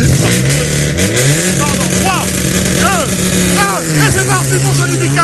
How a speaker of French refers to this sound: Allez, voiture qui fait son arrivée à présent, toujours une Citroën C3, voiture numéro voiture numéro 14, Citroën C3 avec Théo Gondin et Sébastien Lafuteur. Voiture numéro 14 avec un départ dans maintenant 35 secondes pour l'équipage numéro 14.